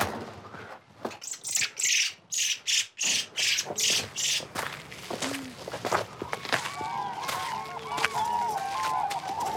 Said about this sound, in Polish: Ale mamy dźwięki z terenu. Żurawie i lerki.